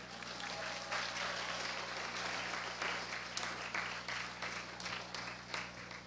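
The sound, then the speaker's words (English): Graduates stand and applaud their parents at a graduation, a dense wash of many hands clapping at once for several seconds, fairly loud and sustained without a break. “So, I would like to request all the graduates to stand up and to look at your parents at the back and to give them a big round of applause.”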